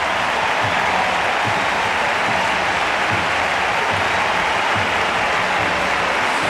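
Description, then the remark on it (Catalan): A football stadium crowd rises to its feet in a sustained ovation for players Clàudia Pina and Aitana, dense applause and cheering forming a steady loud roar that holds evenly throughout without a break, with no one speaking over it. “Escoltem, perquè Pina avui ha fet un pòquer i crec que la gent, mira, es posa tan peus i val la pena escoltar la ovació per Pina i també per Aitana quan entri.”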